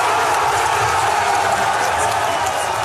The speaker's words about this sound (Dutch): Gejuich in het kamp van de Alternatieven für Deutschland,